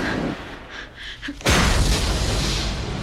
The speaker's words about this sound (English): In the testing room, Triss opens her eyes to find Janine's guards trading fire with insurgents on the other side of the window. The testing room's doors explode.